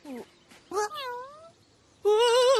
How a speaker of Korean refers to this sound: 놀랄 거 없어. 바랄라 페어리즈가 아니라 고양이라고.